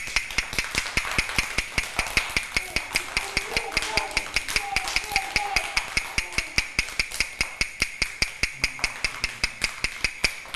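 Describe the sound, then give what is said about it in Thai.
Sharp wooden knocks tapped out by a teacher in a fast, steady rhythm for children to identify, several per second, continuing without pause for about ten seconds, with a faint voice murmuring underneath partway through. “เคาะ2ครั้งติดกันแบบนี้คือจังหวะอะไรคะจังหวะหยุดถูกต้องค่ะ”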